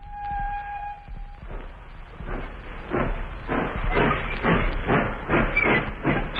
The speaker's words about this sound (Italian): La nostra scherzosa locomotiva si sta avviando. Dove ci porterà?